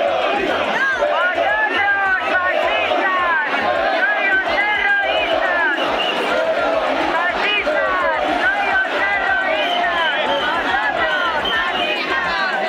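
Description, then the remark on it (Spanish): A crowd of protesters at a demonstration shouts continuously and overlapping, loud and agitated, while trying to attack a Radio Televisión Española crew and a camera operator. Individual yells rise and fall above the dense din of many people. “Tensión con un grupo específico de manifestantes que gritó e intentó agredir a los compañeros de Radio Televisión Española y a un cámara.”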